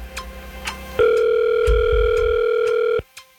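A single steady ringback tone on an outgoing call to a randomly picked phone number, lasting about two seconds, loud and clear, with a few faint clicks before and after. No one speaks.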